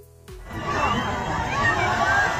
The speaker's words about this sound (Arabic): لحظة وصول الرئيس الشرع إلى دير الزور، أظهر ترحيب الديريين فيه بين هتافات وزغاريد، وذلك رغم المصاب الذي يعاني منه سكان المحافظة.